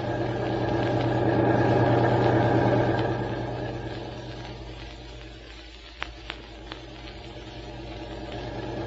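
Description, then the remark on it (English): A car engine runs steadily, a low rumbling idle with mid-range hum that swells slightly then eases, with a few faint clicks near the end. “Boy, this is some car, isn't it,”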